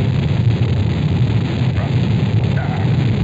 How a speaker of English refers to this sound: The engine's now building up to 7.7 million pounds of thrust. We have a launch commit and we have a liftoff. The swing arms moving back. The Saturn V lifting off the power. Alpha pad building up thrust. We clear the tower.